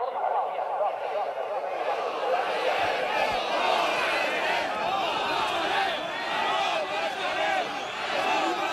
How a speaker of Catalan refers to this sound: Els crits que sentiu són de les últimes manifestacions que pagesos i ramaders han protagonitzat arreu del país per protestar contra el menysteniment que, segons denuncien, continua arrossegant el sector